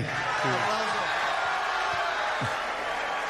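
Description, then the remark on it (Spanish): A crowd gives Messi a loud, sustained ovation, a dense wash of applause and cheering that holds steady for the whole stretch, with a few scattered shouts and whoops rising above it. “La ovación para Messi.”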